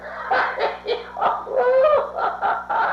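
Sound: dog barking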